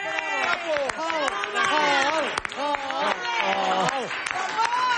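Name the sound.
audience applause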